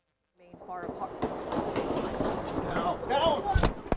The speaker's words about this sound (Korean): 수십 발의 총성이 들리자 한 여성이 급하게 몸을 숙입니다. 현지 시간 23일 오후 6시쯤 미국 백악관 인근에서 총성이 울렸습니다.